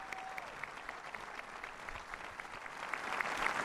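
An audience applauds steadily, a dense wash of many hands clapping, swelling slightly toward the end.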